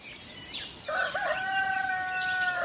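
A rooster crows once, a long drawn-out call with a strained, wavering tone, after a brief faint chirp, with no talking.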